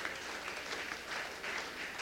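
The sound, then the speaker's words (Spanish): An audience gives a strong round of applause to the Holy Spirit of God, with many hands clapping in a dense, continuous wash with gentle surges in loudness and no voices standing out. “Damos un fuerte aplauso al Espíritu Santo de Dios.”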